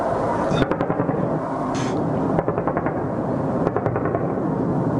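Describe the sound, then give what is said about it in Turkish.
Sharp, booming sonic booms from low-flying F-16 jets over Ankara on 15 July crack out several times over a constant roaring background, some arriving in quick clusters, loud, with no clear talking. “Yer yer sonik patlamalarla da vatandaşlar baskı altına alınmaya çalışıldı.”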